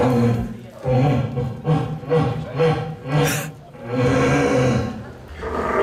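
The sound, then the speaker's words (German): Eight competing deer callers, including one woman, from Mecklenburg-Vorpommern, Lower Saxony and Brandenburg imitate red deer stag roars together, deep, drawn-out bellowing calls overlapping in a loud, continuous chorus with rough, guttural pulses. “Insgesamt 8 Hirschrufer sind mit ihm angetreten.”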